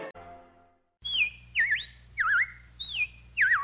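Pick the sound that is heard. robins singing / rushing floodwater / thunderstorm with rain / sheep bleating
robins singing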